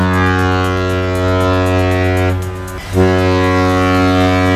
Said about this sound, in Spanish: Hasta 4 veces sonarán las bocinas de despedida de otros tantos cruceros. Hoy la ciudad vive una cuádruple escala en el puerto de A Coruña